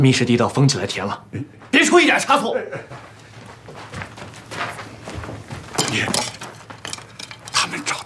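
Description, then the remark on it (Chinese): A metal pot of herbal medicine clinks and clatters as it's carried and set down, with a few sharp knocks of cookware. Voices talk over the handling throughout. “来了来了，我练剑草药的锅都端来了。”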